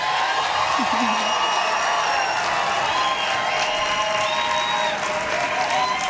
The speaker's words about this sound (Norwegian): stor applaus til Kopp og frokost, Karbon og Teddy!